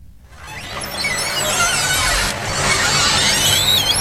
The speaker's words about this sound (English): For generations of older Americans, the sound of a screen door opening at a small town country store can take them back in time.